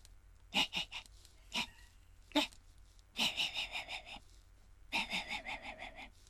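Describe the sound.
A man imitates a small dog barking far away in a residential area late at night: short, high yips, some single and some in quick bursts, kept quiet as if heard from far away.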